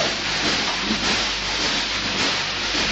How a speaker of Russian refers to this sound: Ой, поезд, поезд, поезд, поезд, ну! Ага, поезд!